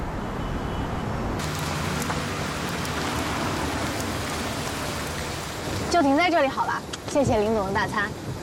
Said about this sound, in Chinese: 下雨了，你们带伞了吗？